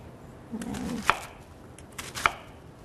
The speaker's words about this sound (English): we're going to need a whole onion peeled and washed. I'm just going to cut it in half, but again, this sort of has like the hard part at the end, which I'm just going to cut off. Again, cutting it in half. Then I'm going to cut them in thirds.